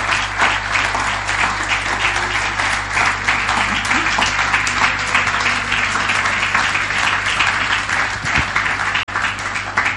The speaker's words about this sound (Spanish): Así que denle un aplauso al Señor, porque lo vamos a hacer. Lo vamos a hacer.